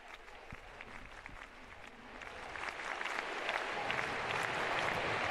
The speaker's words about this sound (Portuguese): O agradecimento dos fiéis, de todos os presentes, com efusivos aplausos ao Santo Padre, agradecendo por esta celebração, por sua presença, por esta histórica visita ao Santo Padre,